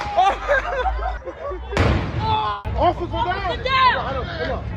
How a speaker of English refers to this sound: It happened early Sunday as video on social media shows the officer knocked to the ground after a firework exploded near her, appearing to cause facial injuries.